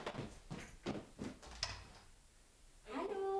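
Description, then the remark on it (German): A workshop door opens as a couple of potential customers enter: a few clattering knocks and thuds, a short pause, then a rising, tonal creak or squeak near the end, moderately loud. “Die Tür zur Werkstatt geht auf.”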